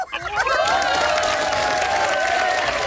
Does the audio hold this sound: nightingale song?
no